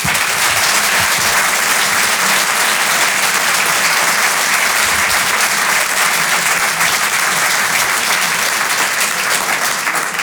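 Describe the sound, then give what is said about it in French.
Sustained applause from the audience at the Rire et Chanson Comedy Club as comedian Jérémy Lorca is introduced, a dense, steady wash of clapping hands lasting about ten seconds at an even, loud level, with no voices standing out. “Par applaudissement dans la salle, est-ce qu'il y a des gens qui, comme moi, sont nés en province?”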